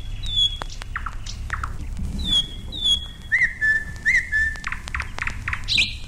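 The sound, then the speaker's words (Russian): Songbird song played from a record: clear, high whistled notes and short repeated phrases with quick chirps and trills, playing over a steady low rumble and hiss, with no talking. “И сам я свищу, и пластиночка у меня есть хорошая. Первый год они поют неважно.”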